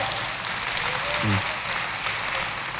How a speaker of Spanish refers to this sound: Yo sabía que usted iba a aplaudir. ¿Y cómo no aplaudir semejante experiencia?